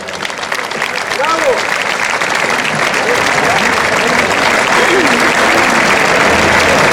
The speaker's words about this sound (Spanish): Demos un fuerte aplauso a Juan Ignacio Gallardo.